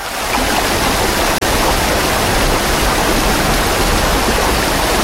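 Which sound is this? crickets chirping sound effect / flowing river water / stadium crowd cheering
flowing river water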